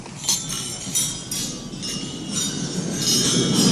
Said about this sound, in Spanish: Estaba yo escuchando el brindis en la cena de gala de Macron y quiero que escuchéis el ruido de las copas. Esto es real, ¿eh? En el brindis.